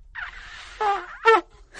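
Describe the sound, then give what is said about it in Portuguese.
A breathy rush of air gives way to two short, buzzy trumpet blasts, the second louder and brighter: a beginner's first shaky notes, lips pressed tightly to the mouthpiece. No one speaks. “Coloque-os no bocal do instrumento e concentre sua respiração nele.”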